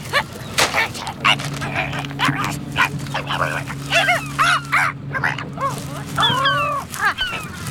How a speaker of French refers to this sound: Le goéland argenté essaie d'éventrer un sac poubelle, mais il a quelques difficultés.